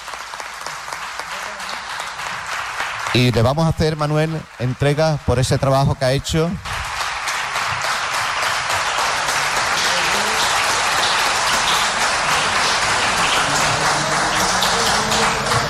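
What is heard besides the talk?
audience applause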